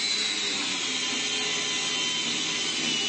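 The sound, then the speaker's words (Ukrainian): Steady, dense mechanical noise of tools at work in a garage where trainees practise repairing drones, like a power tool grinding or sawing continuously for a few seconds, loud with no talking. “Ми зараз от знаходимося в гаражі, і зараз хлопці прямо тут, вони практикуються ремонтувати дрони.”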